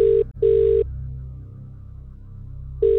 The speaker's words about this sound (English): We're going to call someone live now and give them the great news. It's an incredible prize. Calling now.